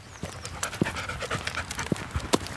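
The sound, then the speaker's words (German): A black Australian Shepherd pants rapidly and steadily, short breathy huffs repeating in a quick rhythm with no voices over it, while out walking along the Franconian Saale valley near Hammelburg, Germany. “ein schwarzer Australian Shepherd, der gerne mit unterwegs ist.”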